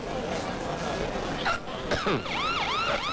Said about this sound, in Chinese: 怎么怎么了？怎么又来警车了？